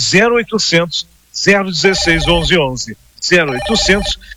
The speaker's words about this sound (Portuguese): E eu sei que muita gente tenta ligar, ó, já estão ligando. E às vezes o telefone está ocupado.